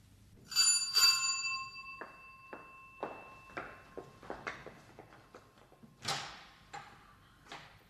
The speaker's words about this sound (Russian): В первый раз я не успела открыть вам дверь до того, как вы позвонили.